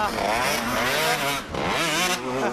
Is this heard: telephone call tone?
no